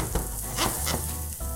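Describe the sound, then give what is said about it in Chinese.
Green vegetables sizzle and crackle steadily as they are stir-fried in a hot wok, a dense hiss with brief louder bursts as the food is tossed and stirred, with no voices present. “那我们就是在这五分钟内，我们要把菜料炒完。”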